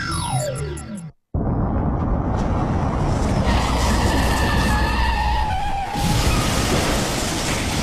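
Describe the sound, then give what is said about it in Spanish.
A vehicle's engine whine drops in pitch and cuts out, then after a brief silence comes a loud, sustained screech of skidding tires over a heavy roar, lasting several seconds, before a vehicle crash. “No dejéis que este sea el último sonido de tu vida. Bájale 2, ponete cascos si vais en moto.”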